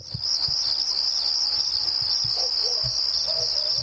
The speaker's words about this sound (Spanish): Subime los grillos, ahora.